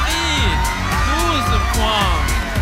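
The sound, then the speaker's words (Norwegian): The Bulgarian delegation cheers and shouts excitedly in the Green Room after Australia's 12 points put Bulgaria in the lead, with whoops and rising, overlapping voices sustained throughout, loud and celebratory. “Altså, de feirer jo som om de har vunnet allerede.”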